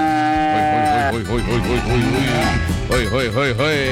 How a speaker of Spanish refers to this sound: ¡Chispa, chispa! Esa vaca quiere sal. Está como caliente esa vaca.